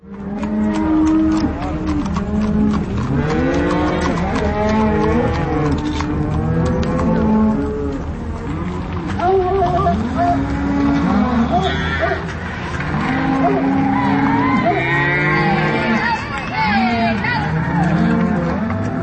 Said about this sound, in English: The sounds of the Neslanek family spring cattle drive on their way through downtown Carbondale.